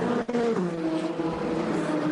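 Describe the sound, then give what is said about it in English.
The number 20 BMW race car's engine drones loudly and steadily as it enters the pits, its harmonic whine dipping in pitch early on as the car slows, then holding at a lower, even hum. “as the number 20 BMW pits. In it comes.”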